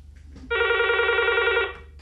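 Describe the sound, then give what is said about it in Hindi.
A single loud, steady electronic telephone ring of an incoming listener call to a radio programme, lasting just over a second, clear with no talking, followed by a faint background hum. “तो हमें इंतज़ार है आपके फ़ोन कॉल का।”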